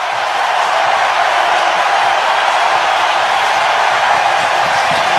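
A hockey arena crowd roars and cheers during a Vegas game tied at 4 with 8:34 left in regulation, after icing is called against Vegas, in a loud, steady wash of noise that holds at an even level for several seconds, with no voices speaking over it.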